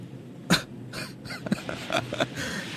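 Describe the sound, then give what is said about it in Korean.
A run of five or six harsh, raspy coughs from a person with a bad cold, in quick, uneven succession and fairly loud, with a little throat-clearing and breathing between them and no talking. “네 기침 말끔히 나왔어.”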